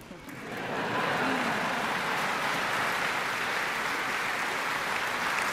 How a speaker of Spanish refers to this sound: The BBC Symphony Orchestra. La Orquesta Sinfónica de la BBC, una ovación para ellos.